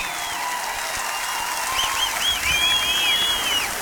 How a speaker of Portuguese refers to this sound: Muito obrigado pela vossa energia. Mais uma vez, uma salva de palmas a este festival magnífico, a toda a lusofonia aqui presente.